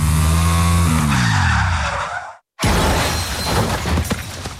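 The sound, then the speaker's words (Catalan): A motorcycle taking a curve too fast drops in engine pitch under a loud skidding screech, then after a sudden brief gap a heavy, loud crash of scraping and clattering debris follows. “De tornada agafaré un revolt amb massa velocitat i tindré un accident.”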